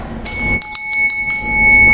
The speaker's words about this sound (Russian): А сейчас, если вам понравилось, если вы хотите услышать еще истории о, естественно, научных музеях, о науке, о людях, которые там работают, то не забывайте про колокольчик.